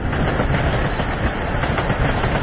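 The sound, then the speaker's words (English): An electric train carrying sulfur from a mine down to the harbour in Utganger rolls steadily along the rails, a dense, continuous rumble with a faint clatter of wheels, loud, with no voices. “Electric trains carried the sulfur from the mine down to the harbour in Utganger.”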